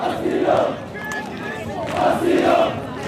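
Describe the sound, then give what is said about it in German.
A large crowd of protesters on a beach that serves as an improvised camp chants in loud, rhythmic bursts, many voices rising and falling together in repeated slogan-like phrases with a steady, insistent cadence. “dirigiert die Sprechchöre und erklärt”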